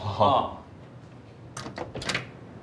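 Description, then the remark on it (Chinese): A door swings shut with a brief creak, followed after a pause by a quick series of sharp metallic clicks as the lock is turned, fairly loud; locking the door starts a timer for a test. “你先进去。对，关门。 完了，锁上呗。 锁上。”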